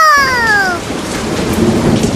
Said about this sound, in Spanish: Se desató una tormenta fuerte, fuerte como la de ahora, como la que estamos teniendo ahora en este momento.